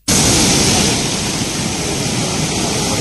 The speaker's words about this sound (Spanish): Bueno, así ha estado entrando el mar en el paseo de la playa de Arinaga, en Gran Canaria, colándose incluso en algunas de las casas. La fuerza de las olas está siendo importante